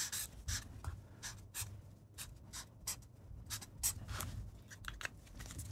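Pen scratching quickly across a notepad in short, irregular strokes as a grade is written, a 7 with an upward arrow, fairly quiet, with brief pauses between bursts of writing and no one talking.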